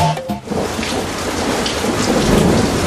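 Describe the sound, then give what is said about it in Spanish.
Heavy rain pours down steadily on a camping tent in a dense, hissing wash, with a deep rumble of thunder rolling underneath; the rain grows ever harder and water is coming into the tent. No voices, just the loud storm throughout. “¡Oh, está lloviendo cada vez más fuerte!”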